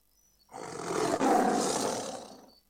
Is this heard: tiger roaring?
yes